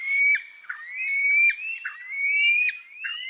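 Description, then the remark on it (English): A white-throated rail calls with a steady series of shrill, high whistling notes, each sliding slightly in pitch and repeating roughly twice a second, loud and alone without any talking. “Over 130,000 years ago, a population of white-throated rails migrated across hundreds of miles of open ocean from Madagascar to the tiny island of Aldabra.”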